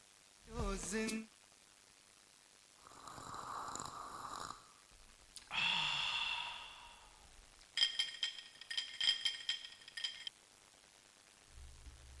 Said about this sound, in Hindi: जी हाँ श्रोताओं, चाय की चुस्की की आवाज की खनक आपने जरूर सुनी होगी अभी अभी।